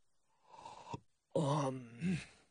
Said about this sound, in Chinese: 众人还未散开，便见那人长长的一个鼻息，两手伸展开来，打了个大大的哈欠。